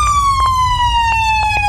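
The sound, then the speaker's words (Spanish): The siren of an ambulance that crashed wails loudly and continuously, its tone slowly sliding downward, over a low traffic rumble with a few faint knocks in the background. “Sí, la sirena es de la ambulancia que chocó, definitivamente”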